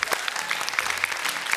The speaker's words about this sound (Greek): Ορίστε! Χειροκρότημα, κύριε και κύριοι, μπράβο!